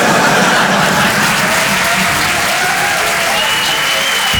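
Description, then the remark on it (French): An audience bursts into loud, sustained applause, dense clapping filling the whole stretch without a break, with a few faint cheers or whoops mixed in. “Non, n'applaudis pas.”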